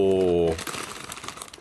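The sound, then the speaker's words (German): A crinkling bag of sweet cinnamon churros snack being opened: a dense run of crisp, irregular crackles and rustles lasting about a second, following a brief sustained vocal sound at the start. “es knistert ein bisschen, entschuldigt. Es ist ein Churros-Snack und zwar süßer Zimt-Churros.”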